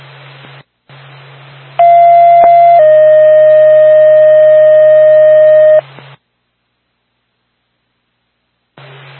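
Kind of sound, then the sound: signal or alarm, fire dispatch paging tones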